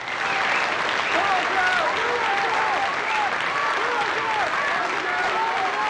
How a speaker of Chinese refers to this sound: 下面请欣赏由著名诗人冯化成为大家朗诵普希金的《假如生活欺骗了你》，掌声欢迎。